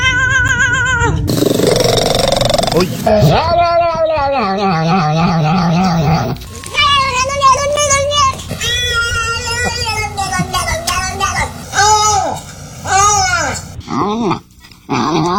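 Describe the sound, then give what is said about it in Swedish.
A rapid sequence of varied cat vocalizations, drawn-out meows, yowls, trills and chirps rising and falling in pitch, one after another, loud with no talking. “Och jag tänker att vi kan väl lyssna på några kattläten då.”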